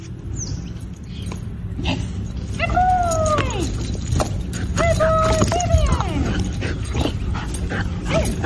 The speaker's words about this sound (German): So klingt ein Koala-Experte bei der Arbeit. Das ist Rettungshund Bär. Er ist auf der Suche nach verletzten Koalas. Unter anderem auch in den von Buschbränden zerstörten Gebieten hier in Australien.